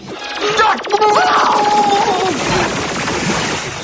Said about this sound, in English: Our roof's gone! It's got a cannon! A laser, actually. It's standard defensive equipment to prevent theft.